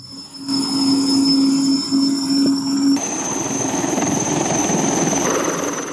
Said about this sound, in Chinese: 那么现在在我的身后，我们可以看到飞行学员已经驾驶着直升机，已经建立起了着舰航线，正在向我所在的舰艇缓缓靠近，准备进行第一次着舰。